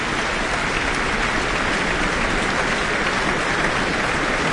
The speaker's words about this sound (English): She draws him forward, but he lets go of her hand and lets her take the applause in here in the Auckland Town Hall after performing Beethoven's Piano Concerto No. 3. And the musicians of the Auckland Philharmonia are applauding along as well.